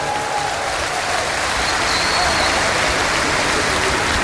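Steady audience applause fills the whole stretch, a dense wash of many hands clapping at close range with no pauses, loud and unbroken from start to finish.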